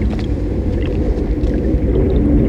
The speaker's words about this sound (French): Je décide de m'abriter dans un phare pour laisser passer la tempête et reprendre des forces.